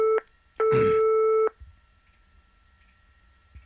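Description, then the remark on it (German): A telephone line tone plays as a brief beep followed by a longer steady electronic ring, then the line falls quiet with faint hiss, as the Radio NZ show Ein Herz für dich calls a candidate at home for its partner telephone game. No one speaks. “Ich glaube immer noch an die Liebe und deswegen versuche ich jetzt einen zweiten Kandidaten für unser Partner-Telefonspiel zu finden. Mal sehen, ob jemand hier zu Hause ist.”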